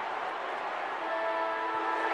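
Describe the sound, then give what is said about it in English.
A game-ending siren blares at the end of the Western Bulldogs' win over Geelong: a steady, sustained horn-like tone over a continuous roar of crowd noise, entering partway through and holding its pitch to the end. “The siren sounds.”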